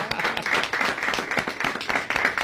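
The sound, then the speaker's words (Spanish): A crowd applauds Más Cambio, which handed over a prize, many hands clapping in a dense, continuous patter at even loudness throughout, with no voices standing out. “Un aplauso para Más Cambio.”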